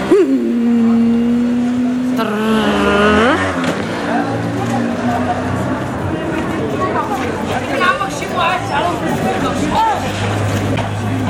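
A moped engine whines and revs up sharply, then fades into a busy street in the old medina where crowd chatter and other passing motorbikes keep up a constant hum.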